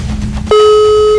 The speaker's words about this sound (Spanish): Dos tonos más y cuelgo.